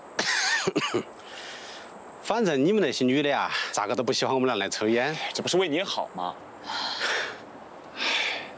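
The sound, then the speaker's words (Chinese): A smoker coughs hard from smoking in a series of rough, hacking bursts, interspersed with hoarse, strained vocal sounds and raspy breaths, loud throughout. “<笑> 你现在抽烟咳嗽，就是你的身体在警告你，受不了喽。”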